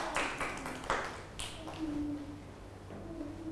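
A few loose, irregular hand claps, sharp and fairly loud, spaced apart over a few seconds, with a faint sustained ringing tone lingering between them and no talking.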